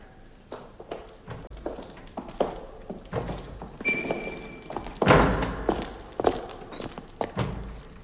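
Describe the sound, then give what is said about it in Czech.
A door bangs repeatedly in the wind, opening and thudding shut in irregular bursts of heavy knocks and slams, with faint creaking squeaks between the impacts and no voices. “To, co jsme zrovna slyšeli, byly dveře, které se větrem zavírají a otvírají.”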